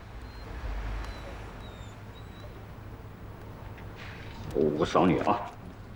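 Many stray dogs about to be sent to a slaughterhouse: faint, high whining drifts through the first seconds, then a short burst of yelping barks rises near the end, over a steady low background hum.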